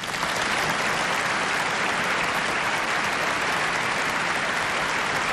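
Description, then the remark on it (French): Sustained applause from a church audience, a dense steady wash of many hands clapping at an even loudness for several seconds, with no voices standing out. “Et pendant qu'ils applaudissent, on montre la foule qui est en dehors de l'église.”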